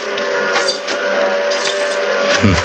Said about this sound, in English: The train's coming.